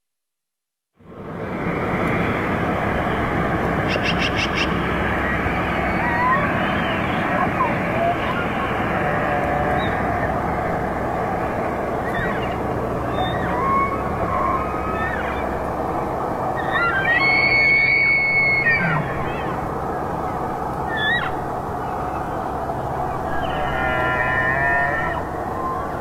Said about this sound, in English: The sounds of elk vocalizations during their fall migration.